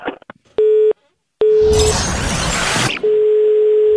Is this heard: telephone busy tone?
yes